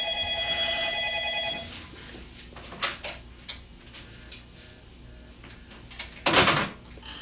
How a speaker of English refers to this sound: Okay, I don't know what's up with that phone